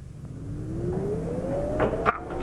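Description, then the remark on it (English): A printing press, printing the Salvation Army's paper The War Cry, starts up, its motor whine climbing steadily in pitch over a rumbling mechanical drone, with a few sharp clanks near the end. “The devil isn't going to use this machine to stop the Salvation Army from pinning a paper. Start her up again, Bramwell.”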